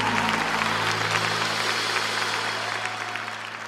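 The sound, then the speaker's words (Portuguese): A crowd applauds for Jesus steadily for several seconds, a dense wash of many hands clapping that eases slightly toward the end, with a low steady hum underneath. “Dá uma salva de palmas para Jesus aí.”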